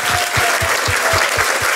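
An audience claps in sustained applause, a dense wash of hand claps with a steady rhythmic pulse of louder beats running through it, fairly loud throughout.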